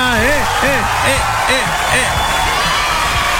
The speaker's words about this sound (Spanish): Está bueno el aplauso.